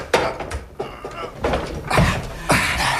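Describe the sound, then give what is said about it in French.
A large, heavy door panel is shoved open with a series of scraping, thudding bursts and rattles, fairly loud, the effort coming in uneven pushes. “Et voilà l'autre porte. C'est un grand panneau. Pousse-le.”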